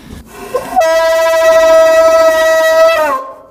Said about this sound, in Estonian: Seal on kõik need udupasunad ja kellad veel kõik, noh, need seda tõmmatakse kogu aeg siin, et see, noh, seda jälle. See on põhiasi, et seal taga on ja need udupasunad. Need on kaks tükki on siin erinevat.